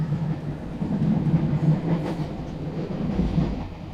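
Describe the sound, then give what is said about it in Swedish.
A train to Stockholm rolls steadily along the rails, heard from inside a carriage, a continuous low rumble with a faint rhythmic clatter of wheels over track joints, with no voices. “Och jag sätter mig på tåget till Stockholm för att ta reda på mer.”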